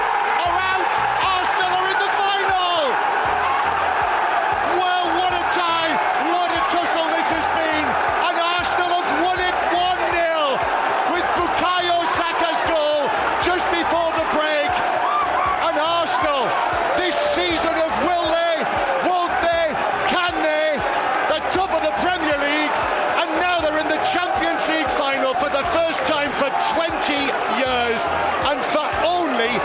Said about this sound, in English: The delirium in North London at the final whistle as Arsenal beat Atletico Madrid 1-0 at the Emirates, 2-1 across two legs.